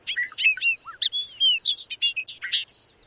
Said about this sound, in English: Loggerhead shrike. Stuck on a raptorial passerin, this bad boy is a songbird that hunts.